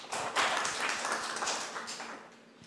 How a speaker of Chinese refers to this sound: 好，以热烈的掌声欢迎。